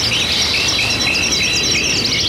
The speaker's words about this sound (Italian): Al cessare del loro canto, sembrava che il colle rispondesse con il suo eco. Il canto di questi uccelli superava quello di tutti gli altri uccelli canori.